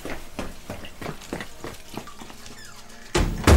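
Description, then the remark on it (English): A door is shoved shut with a foot, a loud thud right at the end, after a few seconds of scattered clattering and rustling household noise. No one speaks. “Oi, did you just shut that door with your foot?”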